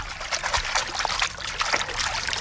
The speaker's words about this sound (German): Das ist echtes Wasser, kann ich versichern. Das ist echtes Wasser. Es ist echtes Wasser.